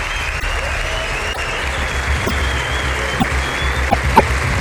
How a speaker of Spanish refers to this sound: Saludemos con saludos en la vida de todo el equipo del programa a este flamante Teatro Leal de La Laguna. Con un montón de gente que ha venido a vernos, un aplauso para que se sea la fuerza en todo el mundo de estas islas mágicas.